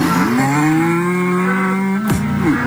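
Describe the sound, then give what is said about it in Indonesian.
A cow moos in one long, loud, drawn-out call lasting nearly the whole time, its low tone wavering slightly before breaking off sharply near the end. “Sapi bisa sedih juga ya kayak manusia.”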